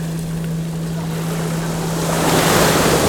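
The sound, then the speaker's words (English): Waves of the incoming tide wash in over sand and rounded pebbles, a broad steady hiss that swells louder near the end as the water surges up, with a faint low hum beneath. “Listening as the tide comes in, each time reaching out, pulling sand from beneath our feet to reveal rounded pebbles.”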